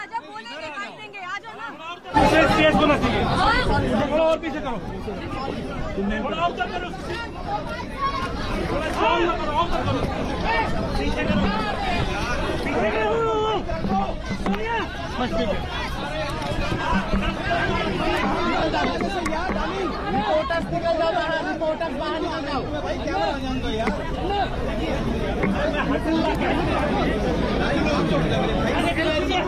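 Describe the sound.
A large crowd gathered around Rahul Gandhi in front of a DCP office chatters continuously, a dense, steady babble of many overlapping voices that starts abruptly after a brief quieter moment and stays loud throughout.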